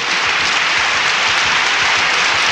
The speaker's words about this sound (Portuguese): Cadê os aplausos? Cadê?